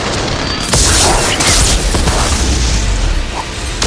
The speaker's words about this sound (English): He shields himself from gunfire and hurls the drone parts. Many drones explode, jostling the walkway.